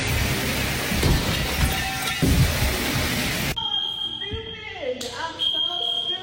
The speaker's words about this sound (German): Also hat sie die Stange in ihrem Wohnzimmer aufgebaut, sich drangehängt und zack, fällt das ganze Ding um und kracht gegen die Sprinkleranlage. Klang dann so.